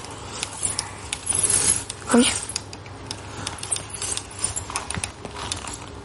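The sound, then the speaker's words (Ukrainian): A small remote-controlled robot vehicle, steered by a person, clicks and clatters mechanically as it drives and picks up small cubes, with scattered light knocks and a person briefly speaking over it. “Він їде, я ним керую. Ага. Ось. Угу. В мене є... Так. Ага, він підбирає те, що йому треба.”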